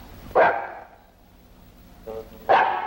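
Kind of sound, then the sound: animal, dog barking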